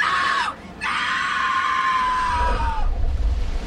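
A long, piercing death scream of anguish from the salt water, held high and shrill, breaks briefly for breath and then continues before trailing off, with a low rumble of water or wind underneath.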